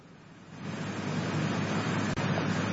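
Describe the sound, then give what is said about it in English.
Outdoor ambience of a papyrus swamp in Uganda: a steady, rushing wash of wind and water that swells after the first half-second and holds fairly loud throughout, with no voices. “That's a real swamp.”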